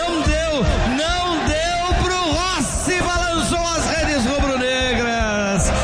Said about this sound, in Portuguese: Torcida fez um frisson tremendo aqui no estádio Mano Barradas. Eric, camisa número 7, estabelece o primeiro gol aqui no Barradão na decisão.